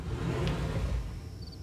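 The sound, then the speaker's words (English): A custom California Closets soft-close drawer glides shut on soft-close runners: a low, smooth rumbling slide lasting over a second, with no slam at the end. Quiet, with no voices. “And now, the California Closets version of that moment, featuring custom soft close drawers.”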